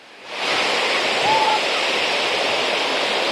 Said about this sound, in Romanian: Așa cum puteți vedea, marea în continuare este agitată, curenții sunt puternici